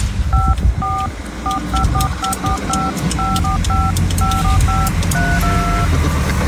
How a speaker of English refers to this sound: But one of his latest installments is playing it on a phone box. So actually an old school phone box, dialing the song.